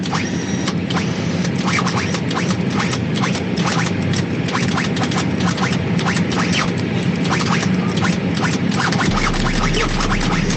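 A squeaking pilot's chair is played to creak out a song, its rapid rhythmic squeals and scrapes repeating steadily over a constant rumbling background, with no talking.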